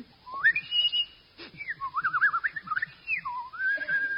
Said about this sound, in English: I've been up the main street whistling the secret tunes.